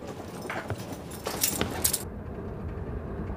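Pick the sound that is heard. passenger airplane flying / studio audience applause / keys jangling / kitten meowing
keys jangling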